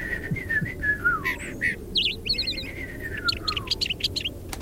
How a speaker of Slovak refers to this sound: Bola som v susednej záhrade a všimla som si, že je tam ešte jedna záhrada, do ktorej nevedie žiadna bránka. Rastú v nej stromy a na jednom z nich sedel malý vtáčik. Prekrásne spieval.